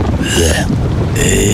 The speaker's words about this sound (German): Naja, Regen.